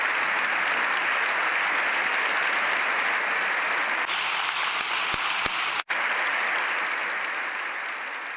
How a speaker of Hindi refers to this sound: विभिन्न मुद्दों पर संत पापा लियो के प्रभाषण के उपरांत संपूर्ण संसद भवन तालियों की गड़गड़ाहट से गूंज उठा, जो लगभग 7 मिनटों तक जारी रही।